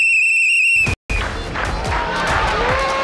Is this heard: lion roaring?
no